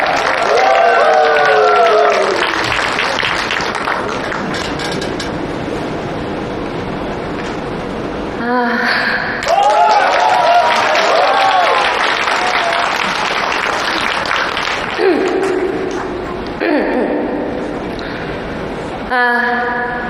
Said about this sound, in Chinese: 再次以掌声送给这位勇敢美丽的小姐姐。